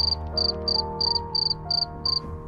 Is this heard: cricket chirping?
yes